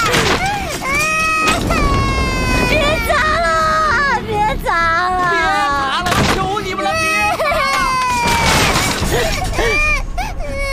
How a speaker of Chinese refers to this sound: 求求你们了，别砸了好不好？